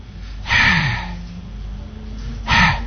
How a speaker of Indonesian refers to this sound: Lalu yang berikutnya huruf ha. Huruf ha ini kalau tadi ha, kalau yang sekarang ha. Kalau ha ini yang keluar bukan suara tapi nafas.